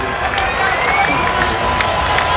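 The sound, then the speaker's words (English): A steady, dense roar of a baseball stadium crowd at a Giants–Rockies game, murmuring voices and scattered shouts blending into a continuous loud wash that swells slightly as a 1-2 pitch with two outs in the top of the seventh is about to be thrown, with no single voice standing out. “Crowd makes a little bit of noise as a big pitch is about to come home.”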